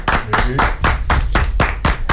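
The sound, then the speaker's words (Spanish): Applause from a group clapping in unison to congratulate Milagros Ortiz Bosch on her 90th anniversary, with loud, sharp beats that repeat at a steady, brisk rhythm, about eight claps in quick succession, with a faint murmur underneath. “Aplaudimos tres.”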